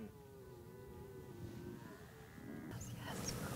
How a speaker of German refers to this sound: Und tatsächlich, an diesem Abend antworten die Hirsche sogar aus drei Richtungen.